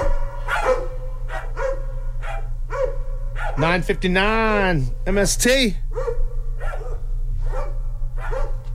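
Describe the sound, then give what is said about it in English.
Dogs bark in a quick series of sharp yaps, rising into a drawn-out whining howl midway, over a steady low hum, with a person speaking briefly. “Dogs.”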